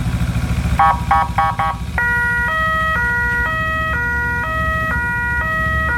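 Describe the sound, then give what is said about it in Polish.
The siren of a new blood-transport emergency motorcycle serving mainly Łódź, Poland, sounds loudly, starting with a few quick bursts before switching to a steady two-tone wail that alternates high and low, over a rumbling engine with no talking. “Jak słychać, nowy motocykl bardzo dobrze działa i będzie głównie usługiwany na terenie Łodzi.”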